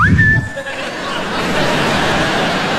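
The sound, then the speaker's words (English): A short, shrill navy whistle rises quickly and holds one high note for about half a second. Then it cuts off into a wash of crowd laughter and noise. “Come down in the kitchen, blow that Navy whistle.”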